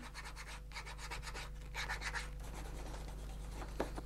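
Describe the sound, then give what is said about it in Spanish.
Repeated rough scraping and rubbing strokes as a shoemaker finishes a shoe sole, polishing with glass and sandpaper and trimming the sole's nap with a scraping tool; a steady rhythm of gritty, hissing passes over a low constant hum, with one brief sharper click near the end. “Pisar el tacón con el martillo para unir las juntas y perfilar con la cuchilla su forma interna son las labores que se rematan puliendo con el cristal y la lija y rebajando el pelo de la suela con el bajador.”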